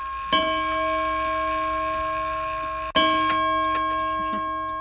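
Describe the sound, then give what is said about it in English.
A clock named Leroy Anderson, after the musician, chimes two resonant bell tones about two and a half seconds apart, each struck clearly and left to ring with a long, slowly fading hum, fairly loud, with no talking. “It's just the way this clock is.”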